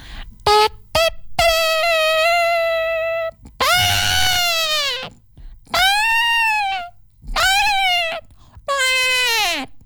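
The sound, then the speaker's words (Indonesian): A trumpet blown by a warrior sounds a signal to a troop of elephants lined up to march: a couple of quick opening toots, a long steady blare, then four loud, sustained blasts whose brassy pitch swells upward and sags at each end. “Ketika gajah-gajah itu sudah berbaris rapi, terdengar salah satu hulu balang meniup trompet.”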